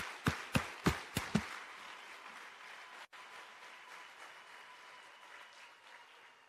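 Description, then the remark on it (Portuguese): A handful of sharp, loud claps ring out at the start, then dissolve into a steady wash of crowd applause for all the children in the rest of the country, carrying on evenly to the end, with no voices. “eu quero mais uma salva de palmas para todas as crianças que estão no resto do país.”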